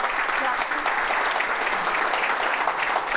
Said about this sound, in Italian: quindi insomma, quindi doppio applauso per te.